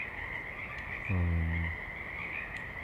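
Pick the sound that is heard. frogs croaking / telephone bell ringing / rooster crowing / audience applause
frogs croaking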